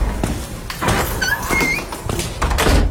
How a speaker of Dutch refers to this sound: Ja, we horen hier de deur van de schatkamer weer opengaan.